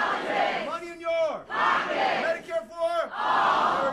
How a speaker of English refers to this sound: If you go to one of Democratic Senate candidate Abdul El-Sayed's town halls in Michigan, you will hear the crowd chant the campaign slogan. Money out of!